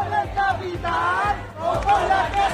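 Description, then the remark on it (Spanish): A large protest crowd at the encampment in the Puerta del Sol, Madrid, chanting and shouting together, many voices rising in rhythmic, sustained waves over a steady low rumble, with brief dips between bursts of loud collective cries. “Es sonido de Madrid, de la Puerta del Sol, donde dicen van a continuar pese a la creciente presión del gobierno de la Comunidad de Madrid de desalojar la plaza.”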